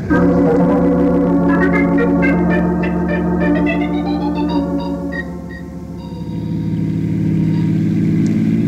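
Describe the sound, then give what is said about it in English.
A car engine turns over and starts, then revs up with a rising whine as it accelerates, loud, the pitch climbing over several seconds before settling into a steady running drone. “Let's get in our car and we can talk on the way home.”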